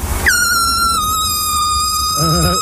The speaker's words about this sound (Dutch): Wat horen jullie de toeter? Stop! Nee, kan je de toeter nog één keer laten horen? Serieus.